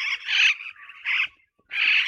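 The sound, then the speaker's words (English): Superb parrot calls: small parrots, about the size of a jay, flying back and forth between the trees give three loud, rough rolling churrs in quick succession, each a grating burst separated by short pauses, with no voices. “And some small parrots jetting back and forth between the trees, called the superb parrot, that kind of rolling, churring sound.”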